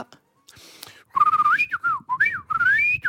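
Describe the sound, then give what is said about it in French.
A person whistles a bright, warbling bird-like call as a hidden talent, with rising and falling trills and quick chirps repeating over a few seconds, fairly loud with no talking. “Je peux siffler comme un oiseau.”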